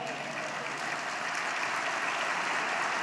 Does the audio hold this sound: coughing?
no